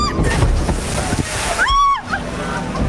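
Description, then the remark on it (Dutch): A jungle-themed theme park boat ride plunges down into water with a loud, continuous rush of splashing spray soaking the front of the boat, and a brief high-pitched shriek rises over the noise partway through. “je had me wel even mogen vertellen als je voorin het bootje zit, dat je dan al het water vangt.”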